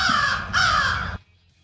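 Two loud, harsh crow caws in quick succession, close and raspy, the second running slightly longer before cutting off abruptly into near silence. No one speaks.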